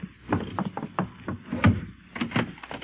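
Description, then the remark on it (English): Repeated knocks on the wooden door of a new house in Philadelphia in 1776, several firm raps in an uneven series with short pauses between them, with no voices. “Do you generally take so long a time to answer your door?”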